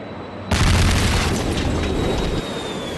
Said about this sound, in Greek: Όταν ακούστηκε για δεύτερη φορά μια ισχυρή έκρηξη από τον Γκιόλμπασε, το ρολόι έδειχνε 2:20. Οι πραξικοπηματίες επιτέθηκαν με τα μαχητικά αεροσκάφη που είχαν κατασχέσει στη Διεύθυνση Ειδικών Επιχειρήσεων της Αστυνομίας στο Γκιόλμπασε.